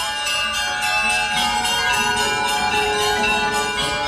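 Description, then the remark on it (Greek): Church bells ring loudly and continuously, their strikes overlapping into a dense, resonant clangor with rich ringing overtones that sustain throughout, with no voices present. “Έκλεισα τα μάτια μου και άρχισα να ονειρεύομαι βόλτες με το ποδήλατο όταν άρχισαν να χτυπούν δυνατά οι καμπάνες.”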